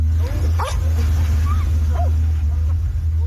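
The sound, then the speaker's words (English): Rescue dogs give a few short, scattered barks and yips while searching a mud-caked pile of rock and debris after flash flooding near Tibet's border with Nepal, over a steady low rumble of engines or machinery that runs throughout. “Rescue dogs search a mud-caked pile of rock and debris, but the hope of finding survivors is fading.”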